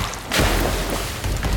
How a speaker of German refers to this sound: Schüsse peitschen durchs Wasser. Irgendjemand hat es offenbar eilig.